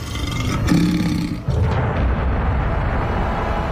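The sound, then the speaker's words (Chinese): A lion, one of three lions searching for food around a protective cage, roars loudly, a deep rumbling growl that surges, breaks off briefly, then rolls on steadily to the end with no voices. “他们袭击了所有的模型并把他们撕碎，却没有得到食物，所以三头狮子知道保护罩里有某种食物。”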